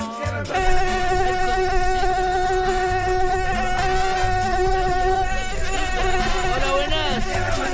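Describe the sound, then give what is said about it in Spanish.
An Aedes aegypti mosquito, the species that carries Zika, buzzes in a steady, high-pitched whine that holds for the whole clip, its pitch wavering slightly toward the end. It is loud and heard alone, with no talking. “Pipe, un mosquito famoso. Hola. El famoso, el que de acá en Arica lo buscamos, cielo, mar y tierra. El Aedes aegypti.”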